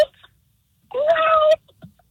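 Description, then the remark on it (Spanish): A caller's voice over the phone imitates a cat's meow, one drawn-out, nasal call lasting about half a second, fairly loud, with brief faint sounds before and after. “Un gato. Ok, ¿cómo suena tu gato?”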